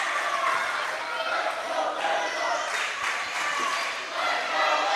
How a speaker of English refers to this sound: And boy, you can hear the crowd here in Florence. They're a crazy bunch. Got a nice student body section making some noise.